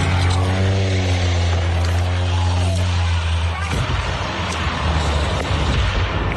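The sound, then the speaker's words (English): A seaplane's engine drones loudly and steadily, then abruptly cuts off into a burst of rough, rushing noise as the plane goes down into the water off the coast of Washington State, about 90 miles north of Seattle, bursting into flames on impact. “Social media sound of a seaplane going down off the coast of Washington State, about 90 miles north of Seattle.”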